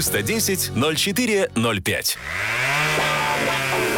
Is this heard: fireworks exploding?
no